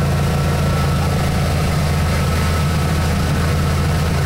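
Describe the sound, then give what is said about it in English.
A pontoon boat engine idles steadily, a deep, continuous rumbling drone that holds an even loudness throughout with no breaks or revving. “You know, normally you see pontoon boats on the water, and they're just sort of like plodding along.”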